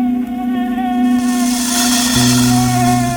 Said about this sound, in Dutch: Hoor je dat? Ja, koning. Dat is die mug. Inderdaad. Dat is die vervelende, ellendige mug.